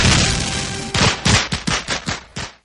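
A sustained crackling roar of fireworks gives way to a rapid string of loud, sharp bangs, about eight bursts in quick succession before the noise cuts off.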